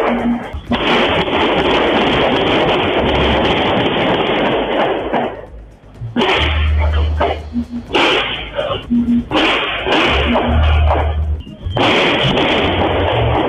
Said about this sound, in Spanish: Y vamos a escuchar el audio de lo que sucedió con esta muerte en Independencia, con este asesinato en Independencia. Escuche. Una ráfaga de balazos, ¿no? Ahí está.